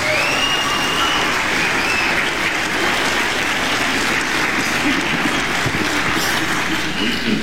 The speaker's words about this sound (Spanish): Denle un aplauso a Jesucristo por su bondad, por su misericordia.